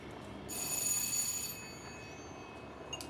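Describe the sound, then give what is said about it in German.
A telephone bell rings in one loud, shrill burst lasting about a second, then fades into a quiet, hissy background with no one speaking. “Jetzt geh ans Telefon.”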